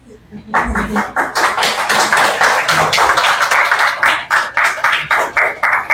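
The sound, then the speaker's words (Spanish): Council members of the José Leonardo Ortiz district break into applause after a unanimous vote approving municipal fees for 2026, dense overlapping claps that start abruptly and continue steadily at a fairly loud level, with a faint low voice briefly audible at the start. “La pregunta es, ¿qué aplaudieron?”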